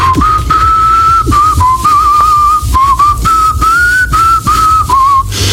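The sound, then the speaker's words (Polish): Polish politician Piotr Zgorzelski whistles a rock song melody while shaving, clear and fairly loud, in flowing phrases of held and gliding notes with short breaks, over a low background rumble and no talking. “Polityk obiecał, że pokaże, jak gwiżdżę podczas golenia.”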